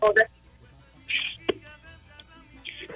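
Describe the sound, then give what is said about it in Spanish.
A few short electronic beeps from phone buttons as the speakerphone is switched off, spaced irregularly with a sharp click between them, while faint voices murmur in the background. “O quítele el altavoz al teléfono.”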